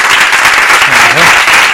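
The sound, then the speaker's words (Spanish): An audience applauds in a dense, steady wash of many hands clapping, loud and sustained throughout, with a faint voice briefly audible beneath the noise. “Bueno, un aplauso, ¿no?”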